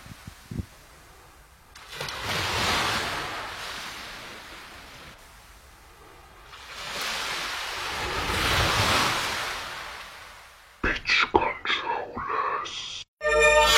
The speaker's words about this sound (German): Ihr hier habt Stille, wir hören uns gleich wieder mit den wunderschönen Wellensound.